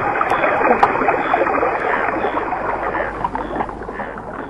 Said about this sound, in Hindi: टर टर सुनकर बादल आए और झूम कर बरसे। नदी में पानी बहने लगा।